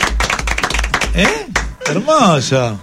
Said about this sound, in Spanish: No, sí, el aplauso, no. El aplauso.